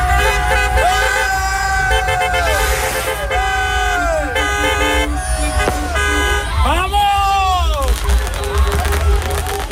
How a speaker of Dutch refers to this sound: Spanjaarden over de hele wereld vieren de winst op het WK. Spanje won gisteravond met 1-0 van Argentinië in de finale. Tot groot genoegen van een hoop Spaanse fans in Enschede, die gingen toeterend de straat op.